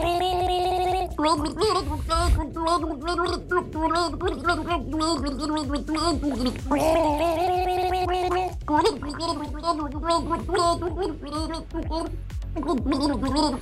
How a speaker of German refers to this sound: Welches ikonische Lied haben die beiden da gegurgelt?